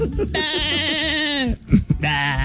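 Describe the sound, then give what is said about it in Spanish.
A goat bleats twice, loud: a long, wavering, nasal cry, then a shorter one after a brief pause. “la vaca y llega nuestro mexicano. El chivo.”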